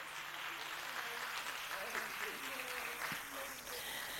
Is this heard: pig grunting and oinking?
no